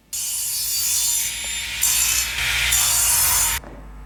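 A circular saw cuts through wood, a typical Sunday background sound in Slovenia: a loud, harsh, high-pitched whirring rasp that holds for about three and a half seconds, swelling brighter partway through before cutting off abruptly.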